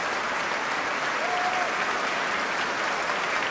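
A standing ovation for an orchestra fills a concert hall as the orchestra turns toward the audience seated behind the stage: dense, steady applause from a large audience, loud and continuous throughout with no pauses, a faint whistle-like tone briefly rising above it.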